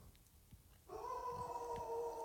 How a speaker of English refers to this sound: Jeez, what is that? What is happening right now? That was a howl.